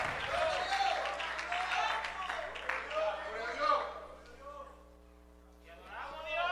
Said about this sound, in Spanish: Alguien le dé un fuerte aplauso al Señor, aleluya.